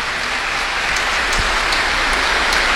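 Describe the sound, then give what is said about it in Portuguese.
Steady, dense clapping from a crowd applauding a child and the child's family after a blessing at a church service, a continuous crackling wash of many hands with a few sharper claps standing out, holding an even level for about three seconds with no voices. “Uma salva de palmas para a criança, para a família.”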